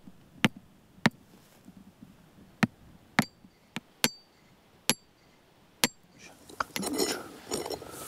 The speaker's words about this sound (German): Machen wir den kurzen erst, ja, probieren wir. Wenn nicht, aber ob der kleine Hammer reicht, wissen wir jetzt noch nicht.